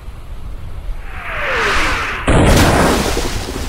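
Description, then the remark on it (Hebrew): A descending whistle of an incoming artillery shell builds into a loud explosion as it falls into the sea during a large naval battle among about 250 armoured warships, with a heavy rumbling splash throwing jets of water skyward that lingers as a wash of water and noise. No voices. “פגזים נופלים לכל עבר, מרימים סילונים אדירים של מים אל השמיים.”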